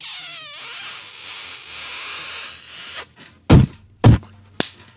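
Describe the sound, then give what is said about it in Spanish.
A long, wet, hissing smooch-and-spit sound effect runs for about three seconds, then three sharp, loud slaps land in quick succession, like spanks, played on a radio show as a dirty spit kiss and spank sent to listeners. “¿Le puedes mandar, por favor, un beso con escupida puerca y nalgada a Toque Pérez y a Ricardo Cureño?”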